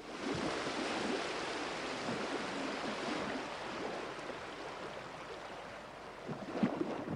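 Steady wash of sea waves at the shore, a continuous broad rushing surf with gentle surges and a brief louder splash near the end, with no voices.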